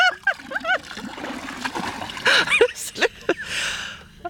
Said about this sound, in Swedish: Vågar du, eller ska jag hjälpa dig? Hjälp mig. Jag tar ett öskar och så häller jag ner här nu. Ja. 1, 2, 3.